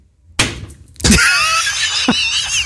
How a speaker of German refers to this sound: Der Feierabend-Dartpfeil muss auf der Niedersachsen-Karte landen, sonst geht's ja nicht los. Und bitteschön.